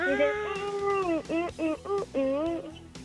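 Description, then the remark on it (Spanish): A song made only of cat meows: a quick run of meows strung together like a tune, with rising and falling mewing notes in a steady rhythm, loud with no talking. “Son puros maullidos de gatos.”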